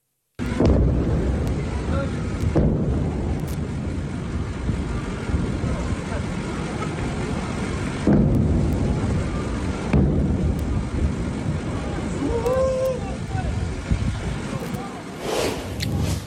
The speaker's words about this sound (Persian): ویدئوی رسیده از مخاطبی به ایران اینترنشنال وقوع چند انفجار رو در بامداد 24 تیر ماه در سیریک نشون میده